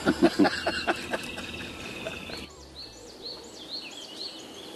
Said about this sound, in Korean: 날도 좋고 새소리도 좋은 평화로운 오후.